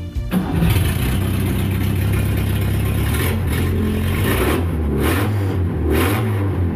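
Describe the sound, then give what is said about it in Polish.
A Fiat 125P car engine runs steadily and revs up several times, the pitch rising and falling in bursts, loud with no talking. “Sprawdziliśmy dokładnie, to był Fiat 125P.”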